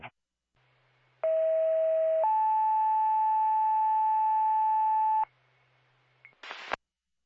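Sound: telephone call ringing tone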